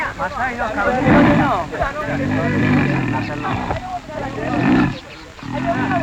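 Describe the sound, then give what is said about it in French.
A young male lion caught in a hunters' trap roars and snarls angrily, repeated guttural bursts rising and falling, with a person's voice talking over parts of it. “le chef, calme le petit lion, car il n'est pas bon de tuer un lion en colère.”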